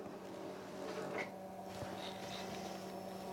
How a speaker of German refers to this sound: Jetzt geht plötzlich der Drucker los, was da wo rauskommt. Als ob ich den nicht, ich programmiere den doch. Man weiß es nicht.